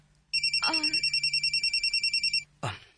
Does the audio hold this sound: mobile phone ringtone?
yes